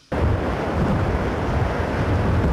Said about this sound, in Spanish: Están a 8.000 kilómetros de Filipinas y allá están enfrentando lo que llaman ellos océanos monstruosos, que se escuchan así.